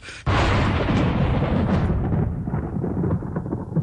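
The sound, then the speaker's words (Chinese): A sudden, loud crack of thunder, just before rain in the Grain Rain (Guyu) season, breaks into a deep, rolling rumble that carries on for several seconds, its sharper edge fading while the low growl lingers. “哎呀，这是要下雨了吧？正是谷雨，这就有雨了。”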